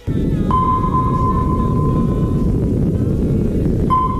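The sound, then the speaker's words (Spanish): A sonar-like ping: a steady, mid-pitched electronic tone holds for about two seconds, then a second ping begins near the end, all over a constant low, rumbling underwater hiss. “Este es este sonido muchos lo identificamos, no porque lo hayamos escuchado en directo, sino por las películas y todo esto, como el sonido de un radar, de un sonar, ¿no?”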